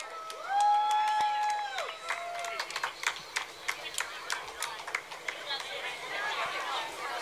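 An outdoor parade crowd in Ralston, Nebraska, applauds the parade marshal with scattered, uneven clapping, mixed with cheers and a few rising whistle-like whoops near the start, continuing steadily for several seconds.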